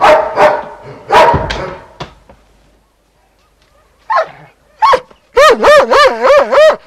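The dog Timmy barks in loud, sharp bursts while leading the way toward the quarry, pauses, then lets out a quick run of high, wavering yelps and whines, about five in rhythmic succession, with no one talking.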